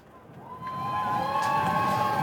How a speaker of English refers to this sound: The crowd still enjoying themselves as that one is played back to the bowler. Into the pitch first, though, so hold on to those excited cheers.